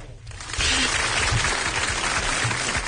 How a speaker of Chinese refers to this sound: 哇，快给我们掌声！